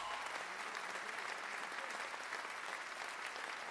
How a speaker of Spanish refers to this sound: aplauso para la …. Muchas gracias.